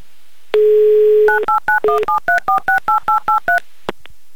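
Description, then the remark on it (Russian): A telephone number in Blagoveshchensk being dialed: a steady dial tone, then a quick, even run of about eleven two-tone touch-tone beeps, ending with a couple of faint clicks. No one speaks. “не теряя времени, звоню вам в Благовещенск.”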